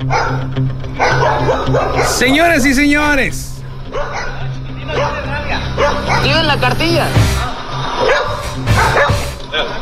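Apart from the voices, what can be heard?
dog barking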